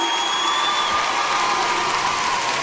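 An audience applauds steadily throughout, a dense wash of clapping mixed with crowd cheering and a few thin whistle-like tones above it. No one speaks.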